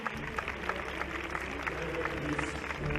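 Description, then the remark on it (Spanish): A crowd at a medieval-style jousting tournament arena applauds steadily for three seconds, a dense, sustained clatter of many hands clapping at an even loudness, with murmuring voices mixed into the noise. “¡Un fuerte aplauso para Don Payo!”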